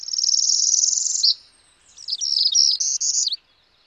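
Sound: northern parula song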